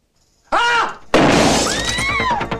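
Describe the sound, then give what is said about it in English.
A shout rings out, then a sudden loud shotgun blast is fired at a bank counter screen, sending glass shattering, shards crashing and tinkling down in a long, noisy spray. “In a bank, a shotgun is fired at a counter screen. The glass shatters.”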